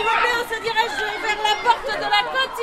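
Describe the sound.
A lively, continuous babble of many young voices overlapping as pupils play in the new greened schoolyard of the newly rebuilt Claude Bernard school in Tours, France, with high-pitched chatter and occasional brighter shouts rising above the steady crowd noise.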